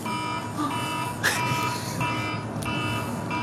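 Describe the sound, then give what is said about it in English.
An alarm sounds continuously in the North Melbourne coach's box, a steady electronic buzzing tone with a harsh, harmonic edge, moderately loud and unbroken throughout, with a couple of brief noisy bursts in the background. “It's an alarm. Just a bit of an alarm going off.”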